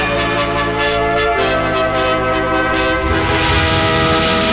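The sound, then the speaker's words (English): A loud ARP synthesizer holds a dense, buzzy chord of steady tones, its texture wavering and growing rougher and brighter toward the end, with no voices. “The sound of the ARP synthesizer.”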